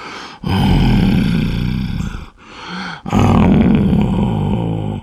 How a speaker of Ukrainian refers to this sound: мабуть, приснилося щось страшне, бо він почав хропти з якимось дивним стогоном.